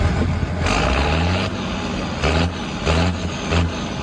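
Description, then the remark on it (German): A tractor engine runs steadily at the European ploughing championship in Hallau, its low rumble swelling in a few repeated bursts as if the throttle is opened and eased off. No one speaks. “ich darf Sie einladen, zum Traktor zu schauen”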